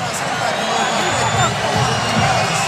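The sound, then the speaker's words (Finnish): A large arena crowd at an ice hockey game at Nordis on a Friday evening reacts as a replay of a goal-line play is shown on the video board, murmuring and rumbling in a steady, dense wash of voices, with faint whistles and scattered calls rising from the hubbub, sustained throughout without a sharp peak. “Siihen tuo yleisö reagoi, kun ne sen valotaululla näytetään.”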